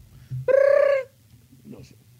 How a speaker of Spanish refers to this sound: Suena el teléfono.